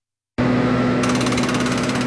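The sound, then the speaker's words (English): A loud construction jackhammer starts abruptly after a short silence, hammering in a rapid, steady rattle over a constant low engine drone, with no voices, from construction underway in downtown Guelph. “Construction may be underway, but the heart of downtown is still beating strong.”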